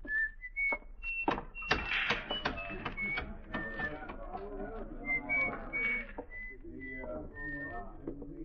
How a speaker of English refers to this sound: On a sunny day, you could see him walking down the shady side of the street, whistling and handling the oddments in his little pocket.